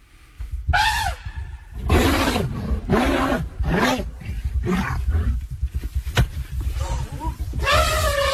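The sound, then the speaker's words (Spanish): An elephant gives loud calls warning off another species: a deep rumbling growl running underneath, repeated harsh bellowing blasts, and a high brassy trumpet near the end. No one speaks. “Ahí le agrega un barritar, claro que así que exactamente que trata de cumplir con la segunda función, que es espantar a la otra especie que está ahí molestándolo.”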